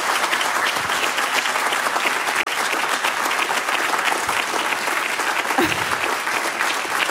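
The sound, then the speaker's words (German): Loud, sustained applause from a live audience at the Münsterplatz in Bonn, a dense crackle of many hands clapping at once that holds steady for about seven seconds with no one speaking. “Vielleicht können Sie sich auch mal melden, dass unsere Hörerinnen und Hörer ein Gefühl dafür kriegen, in welcher Situation wir uns befinden, mit einem großen Applaus.”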